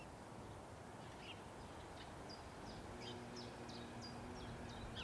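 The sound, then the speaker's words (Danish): A common chiffchaff sings its steady run of repeated two-pitch notes, a dozen or so evenly spaced chirps, soft over a low background hum. “Det er simpelthen grænsangeren.”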